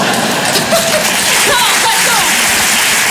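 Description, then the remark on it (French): A crowd claps steadily, a dense crackling wash of applause that holds at an even, loud level throughout, with a few faint voices calling out over it. “N'applaudissez c'est pas ça, non.”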